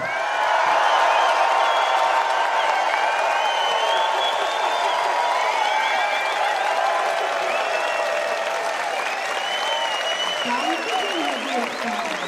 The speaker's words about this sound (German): Sie wiegt sich jetzt in Sicherheit. Denke, ich sage jetzt ihren Namen, dann klatschen ein paar. Weit gefehlt.